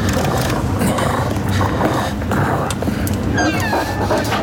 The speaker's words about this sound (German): Wolf. Der große Wolf war vollkommen außer Atem von der Hetzjagd.